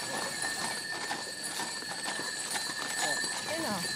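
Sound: horses' hooves clip-clopping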